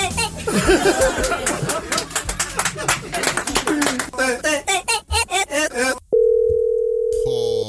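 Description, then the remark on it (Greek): Animated voices and clattering noise fill the first six seconds, then cut away to a single steady, loud telephone ringback tone on an outgoing call, holding for about a second and a half. “Τώρα έχω πάρει τηλέφωνο. Περίμενε.”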